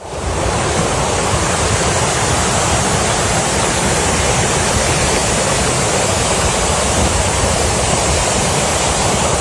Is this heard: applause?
no